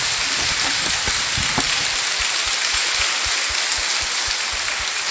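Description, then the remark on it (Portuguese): A crowd at Paróquia Nossa Senhora Aparecida applauds the mothers present on Mother's Day, steadily for about five seconds, a dense, continuous crackle of many hands clapping, with a faint regular thumping beat underneath in the second half. No one speaks. “Uma salva de palmas às mães aqui presentes.”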